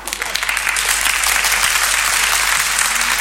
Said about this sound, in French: Ils applaudissaient plus fort que ça, je crois. Ils applaudissaient, les gens.